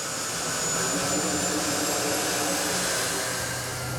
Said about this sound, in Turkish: Problemi çözmek adına her türlü aracı kullanıyorlar. Örneğin bu jet motoru güçlü bir kar üfleyici olarak kullanılmak amacıyla yeniden yaratıldı.